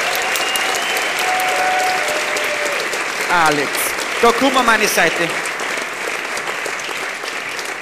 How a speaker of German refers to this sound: Geh mal her. Da geh mal her zu mir. Klatschen, bis er da ist, klatschen, bis er da ist.